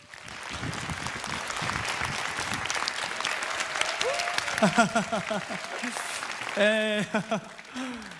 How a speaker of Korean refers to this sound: 큰 박수로 만나보겠습니다.